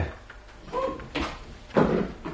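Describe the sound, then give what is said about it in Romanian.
A door opens with a brief creak followed by two dull wooden thumps a moment apart, with no one speaking. “Ușa e deschisă.”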